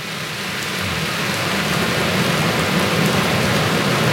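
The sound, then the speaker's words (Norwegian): Heavy rain pours steadily onto a plastic roof over an outdoor stage outside Nidaros Cathedral, a dense, loud, continuous hiss and patter with no pauses and no voices. “Vi sitter på en utescene utenfor Nidarosdomen, og det øsepøs regner på plastiktak over oss, så det blir litt mye lyd rundt her.”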